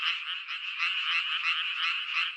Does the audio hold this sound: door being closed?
no